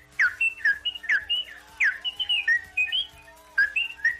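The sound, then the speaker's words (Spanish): A person whistles an imitation of goldfinch song: quick, bright twittering chirps and trills in rapid bursts, fairly loud, continuing for several seconds with no speech. “¿Cuál jilguero en primavera? ¿Cuál jilguero en pleno apogeo?”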